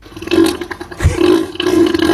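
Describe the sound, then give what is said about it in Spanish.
A real recording of deep, throaty grunts from Neil, a sea animal, a loud buzzing rumble that runs for about two seconds, with a brief low thump midway and no talking. “Esta es una grabación real de los gruñidos de Neil.”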